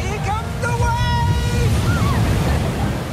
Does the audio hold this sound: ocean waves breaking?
yes